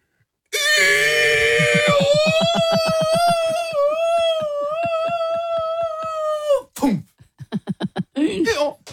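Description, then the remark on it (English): A person imitates a donkey falling from a plane: a long, loud, wavering bray-like wail with a throbbing pulse for about six seconds, then a few short, choppy honking gasps. “Is it falling out of the plane or it's already, fallen?”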